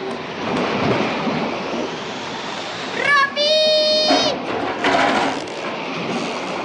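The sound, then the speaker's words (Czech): A wave crashes over a sailing boat amid steady roaring wind and spray, with a loud surging splash midway and a brief high cry rising above the rush of water. “To byla vlna.”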